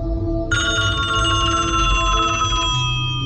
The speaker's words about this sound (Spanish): Sonó el teléfono.